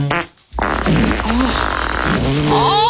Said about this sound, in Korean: 그 말에 용기를 낸 누군가 다시 방귀를 끼었고 그러자 모두들 참고 있었는지 다양한 방귀들이 터져나오기 시작한 거예요.